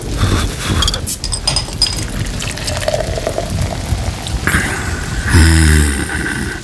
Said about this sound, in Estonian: Isegi selle, et suvel kallab.